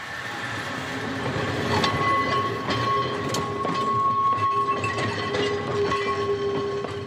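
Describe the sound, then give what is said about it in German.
A historic tram rolls slowly downhill along its rails, rumbling steadily, with metallic squeals and periodic clicks over the track joints, fairly loud throughout with no one speaking. “Abwärts geht's noch langsamer als bergauf.”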